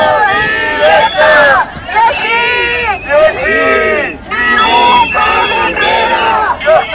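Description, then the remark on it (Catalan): A loud crowd of protesters shouts together at a demonstration following a teachers' strike in Baix Llobregat and Penedès, Catalonia, many voices rising and falling in repeated bursts of yelling, sustained for several seconds with only brief dips between phrases. “Uns crits que no hauran arribat fins a les oïdes de Salvador Illa, de viatge oficial a Califòrnia.”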